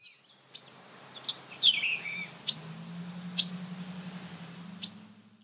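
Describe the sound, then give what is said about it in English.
A waterthrush gives five sharp, metallic chip calls at uneven intervals, each one short and bright, over a steady low hum of background noise. “Oh, okay, so the noises that this water thrush is making would be a call.”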